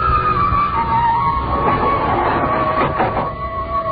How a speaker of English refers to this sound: Kept watching him, peering at me furtively as the elevator moved upward with agonizing slowness.